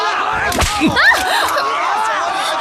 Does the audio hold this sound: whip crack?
yes